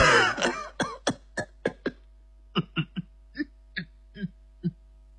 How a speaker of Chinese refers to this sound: 接着葛明礼就假装咳嗽，掏出手绢堵在大嘴上，把嘴角上的笑纹挡住，把笑堵回去了。